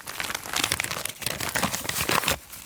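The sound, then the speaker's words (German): Gritty foley footsteps scuff across plain, normal asphalt in a loose, uneven rhythm, each step carrying a rough, crunchy texture, with a brief pause partway through and no voices. “Hier haben wir jetzt einfach normalen Asphalt. Das klingt dann so.”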